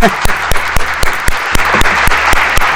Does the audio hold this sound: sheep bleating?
no